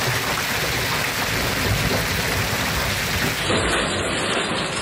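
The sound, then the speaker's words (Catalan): Heavy rain pours down steadily in a dense, continuous hiss, with a low rumbling undertone suggesting thunder during a storm over the Pyrenees and Pre-Pyrenees of Catalonia. No voices are present. “Pendents encara de les tempestes que descarreguen amb força el Pirineu i Prepirineu, sobretot a l'Alt Urgell i la Cerdanya, i també al Camp de Tarragona i al Penedès.”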